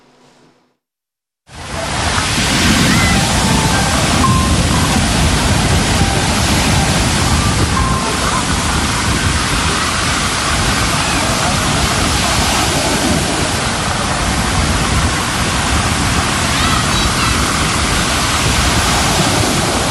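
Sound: rough sea waves surging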